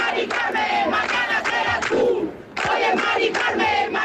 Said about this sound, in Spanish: Cádiz, Sevilla y Málaga han registrado concentraciones en las que se han escuchado gritos como este, concentraciones contra lo que se ha convertido en un símbolo del desplazamiento del centro de las ciudades